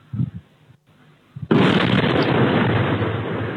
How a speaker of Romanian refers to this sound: În urma cercetărilor, pe un teren din apropierea satului Colonița au fost depistate fragmente ce ar putea proveni de la o dronă. Explozia a fost auzită vineri dimineața în jurul orei 4:20 în zona de sud-vest a satului Colonița, spre direcția Tohatin.